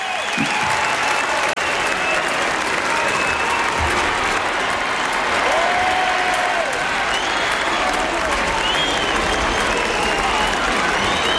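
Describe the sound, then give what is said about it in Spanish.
A large crowd in Montserrat cheers and applauds Pope Leo XIV on a balcony after his blessing, a steady, dense roar with a few faint whistles rising and falling above the noise. “Es cierto, es cierto que se escuchan también esos silbidos, se escuchan también tímidamente, sí. Entre la multitud que está aclamando, sí.”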